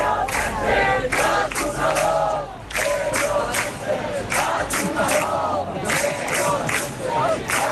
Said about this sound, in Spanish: Fuera, todo han sido abucheos.